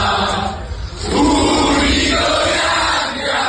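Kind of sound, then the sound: crowd, loud crowd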